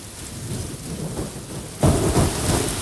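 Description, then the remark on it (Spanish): Steady rain hisses with no voices as the intro of a song, then abruptly swells louder and heavier about two-thirds of the way through, with a deeper rumbling undertone joining the downpour. “Este sonido de lluvia es maravilloso, ¿no?”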